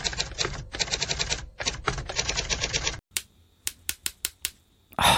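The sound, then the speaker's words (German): Rapid, dense typewriter clatter from fast typing for about three seconds, then an abrupt stop followed by a handful of sharp, isolated clacks spaced apart, like keys striking and catching as the type bars of neighbouring keys jam. No talking. “Beim Tippen von Tasten, die nebeneinander liegen oder auch in der Nähe voneinander, können sich die Hebel der Buchstaben aber auch mal verhaken.”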